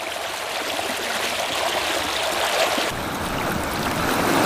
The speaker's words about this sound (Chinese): 行进中，开都河挡住去路，车辆涉水渡河，第一辆顺利地过了河，可第二辆却陷入齐腰深的河水之中，驾驶室内很快进了水，车辆在河道中越陷越深。